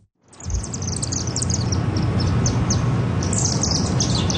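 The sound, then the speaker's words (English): A flock of about 30 or 40 chimney swifts chittering and chirping continuously at a chimney in Chinatown at 9 o'clock at night, rapid high twittering calls overlapping above a steady low rumble of city background noise, no voices. “That iconic chirping, chittering noise.”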